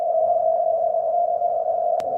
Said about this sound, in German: Gar nicht so leicht. Die Morsezeichen sind leise, das Rauschen laut.